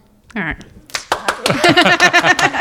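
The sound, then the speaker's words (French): A short burst of audience clapping from people who have attended at least once, a spread of quick overlapping hand claps rising after a brief voice and continuing under murmuring voices. “Par applaudissement des gens qui seraient venus au moins une fois.”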